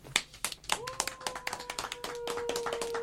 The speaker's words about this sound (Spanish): Bueno, aplauso.